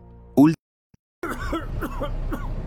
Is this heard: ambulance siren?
no